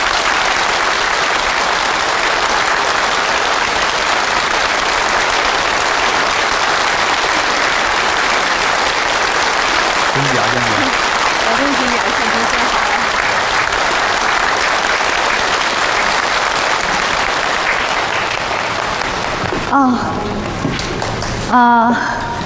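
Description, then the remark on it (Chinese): Sustained, dense applause from a large audience at a factory meeting, welcoming the newly appointed acting head of the finance section to the stage, steady and loud throughout, with a few faint voices or cheers briefly rising above the clapping near the end. “下面我们以热烈的掌声欢迎”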